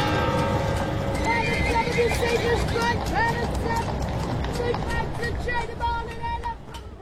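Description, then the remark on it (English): A horse with a wagon whinnies with rising and falling neighs while hooves clip-clop in a steady rhythm, fairly loud, with indistinct voices murmuring in the background. “I can go back to the point where there was horse and wagons.”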